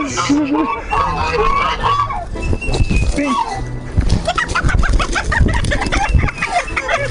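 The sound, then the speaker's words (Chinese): A native free-range rooster (土鸡) with a fifth toe clucks and squawks in agitated bursts while being caught and handled, with people talking excitedly over the commotion. “哇，你看这个公鸡。”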